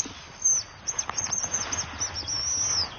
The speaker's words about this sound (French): on va se diriger sur un autre endroit pour voir un oiseau que vous affectionnez énormément. La gélinotte des bois.